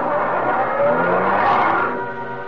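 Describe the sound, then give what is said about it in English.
A car that was waiting by the road revs and pulls away, tires hissing on the road; the loud, steady motor noise thins out toward the end as the vehicle moves off. No voices. “Then we turned toward the road, got into a car that was waiting for us.”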